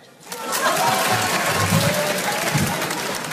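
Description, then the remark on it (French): An audience at a stand-up comedy show by comedian Edouard Deloignon breaks into steady applause when asked who knows him, swelling quickly and holding at a loud, even level for about three seconds, with a few low murmurs and shouts mixed into the clapping. “Par applaudissement, qui me connaît?”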